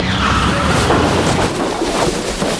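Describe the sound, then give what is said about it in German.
A car that had been following riders crashes into a hay wagon standing in a farmyard, the hay sliding onto the car: a loud, sustained burst of rumbling, scraping noise lasting a couple of seconds without fading, with no voices heard. “Es ist hinter uns hergefahren. Und in den Heuwagen gekracht.”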